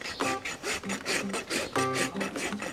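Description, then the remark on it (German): A farrier's rasp scrapes a donkey's hoof in about ten steady back-and-forth strokes, each a harsh, gritty rasp with a faint squealing ring. Farrier students, working under a teacher's instructions, rasp the whole hoof down firmly to give it a good toe direction so it rolls over well. No talking. “Jetzt nochmal insgesamt stark überraspeln und eine gute Zehenrichtung geben, dass er schön abrollen kann.”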